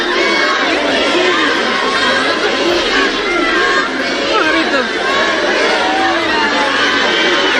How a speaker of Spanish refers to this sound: el que llevó a decenas de miles de ceutíes y de melillenses a echarse a las calles engalanadas para la ocasión, con bandas y con banderas rojigualdas, para recibir a los reyes con toda clase de vítores y con gritos de júbilo y de ¡Viva España!